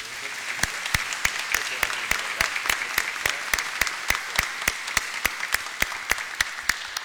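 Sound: applause in church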